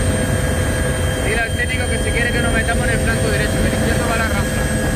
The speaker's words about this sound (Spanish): Así sonaba el trabajo desde los helicópteros.